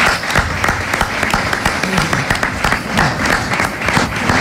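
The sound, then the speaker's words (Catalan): An audience claps steadily throughout, a dense, sustained round of applause from many hands, fairly loud, with no break in the clapping, given for the former director of the radio station Ràdio Estudis Plugues. “Demano un aplaudiment per ell perquè s'ho mereix.”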